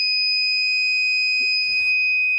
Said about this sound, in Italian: la sua funzione è molto semplice, come vi ho detto all'inizio, mettendo il sensore che è qua, praticamente sente subito l'acqua e mi suona un impulso sonoro e anche luminoso.